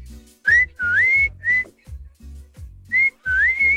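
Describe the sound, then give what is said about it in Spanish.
A person whistles a neighborhood call loudly: a short phrase of sliding, rising notes, a pause, then the same whistled pattern repeated, with no talking. “Ahí te va un chiflido.”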